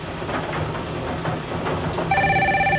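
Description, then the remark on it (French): A telephone at a radio station starts ringing near the end with a bright electronic trill, announcing a bingo win, cutting in loudly over a steady low background rumble. “Et le téléphone nous annonce un bingo.”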